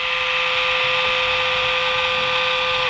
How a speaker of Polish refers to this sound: Tak maszynka działa bez głowicy. Śmieszny dźwięk, taki przytłumiony. Tak, tak działa ten. To jest jakiś taki specjalny ich silnik.